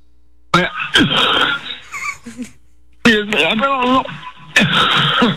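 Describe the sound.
A few harsh coughs and throat-clearing sounds over the phone, from a person with a piece of cereal stuck in the throat, coming in rough bursts separated by short pauses, with raspy voiced noises in between.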